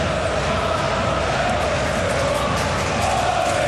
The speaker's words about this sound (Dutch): Het publiek denkt het is tijd voor opnieuw positivisme. Dansen, springen, klappen en zingen.